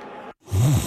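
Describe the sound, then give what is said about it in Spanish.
A single loud, rumbling snore from someone, a throaty inhale that rises and rattles for about half a second after a brief moment of silence. “En Mattress Firm sabemos que hay muchos problemas que pueden impedir tu sueño, como ronquidos, dolores y molestias o calor al dormir.”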